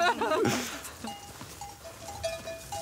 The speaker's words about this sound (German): So, also jetzt laufen wir einfach voraus und die Kühe folgen uns dann und bringen jetzt die Kühe auf die neue Weide.